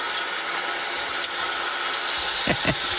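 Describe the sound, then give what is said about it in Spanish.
Heavy rain pours down through an open window in a dense, unbroken hiss at a steady loudness, with a couple of brief low thumps near the end and no voices. “La raza no perdona, dicen que está lloviendo, el aguacero se puso bueno porque ganó el Correcaminos.”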